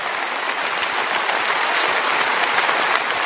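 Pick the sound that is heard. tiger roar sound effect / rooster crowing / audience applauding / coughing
audience applauding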